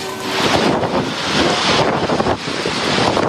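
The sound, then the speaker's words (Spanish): Violent tornado winds roar without a break, loud, with heavy gusts buffeting the microphone and a churning, wave-like rush underneath, as a tornado strikes Marsala in Trapani province, Sicily, Italy, amid thunderstorms and strong wind gusts. No one speaks. “Y no fue el único fenómeno ambiental, natural, que se dio en las últimas horas, porque del otro lado del océano un tornado golpeó Sicilia, en Italia, pero sí, allí hubo daños en edificios y vehículos.”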